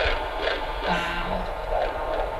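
A fetal heartbeat on a Doppler monitor during a midwife's prenatal checkup, a steady, fast whooshing pulse repeating under a constant hiss of static. Fairly loud, with no voices.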